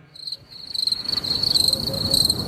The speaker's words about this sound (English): Wow. I'll tell you, the crickets are lovely.